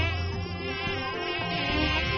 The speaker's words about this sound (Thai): ไอ้ยุงพวกนี้เนี่ยอุ้ยกัดดูได้นะลำคาญจริง